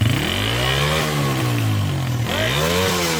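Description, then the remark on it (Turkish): A motorcycle with a loud modified exhaust is revved during a police traffic inspection of vehicles with excessively loud exhausts, its pitch rising and falling in two throaty bursts that fill the short recording, with no voices. “İl Emniyet Müdürlüğü Trafik Denetleme Şubesi ekipleri il genelinde abartı egzoz kullanan araçlara yönelik uygulama ve denetimler gerçekleştirdi.”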